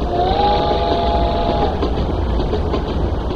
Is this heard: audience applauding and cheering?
no